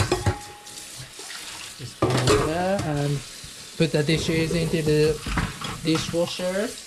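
Kitchen sink sounds of dishes being handled and stacked, with clinks and running water close by, while people talk over much of the activity.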